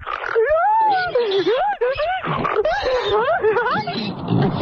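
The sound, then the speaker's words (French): A person lets out a squealing, grunting laugh that sounds like a pig, a continuous run of wavering high-pitched squeals and snorts lasting several seconds, loud. “Ça fait plus cochon que rire communicatif.”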